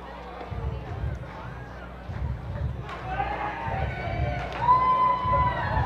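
A baseball stadium crowd trying to start a wave during a game: steady murmur and chatter, then a swell of scattered cheers and high whoops that rises partway through without fully catching on.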